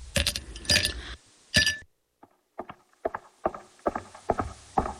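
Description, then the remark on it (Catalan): Ice cubes drop one after another into two glasses of whisky, three cubes for each glass, each landing with a bright, sharp clink, in a quick irregular series with a few louder clattering bursts at the start. “Què et sembla un whisky? Un bon raig. I si pot ser, tres glaçons.”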